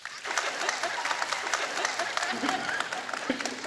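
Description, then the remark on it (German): Steady applause from a crowd fills the whole stretch, a dense wash of many hands clapping at once, sustained without pause. The audience claps to vote on new versus second-hand wedding dresses. “Bitte jetzt klatschen.”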